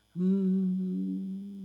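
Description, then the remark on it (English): A person hums a steady, low droning tone for about a second and a half, imitating a refrigerator's hum. It is fairly loud, with no other sounds around it. “I hear the fridge hum.”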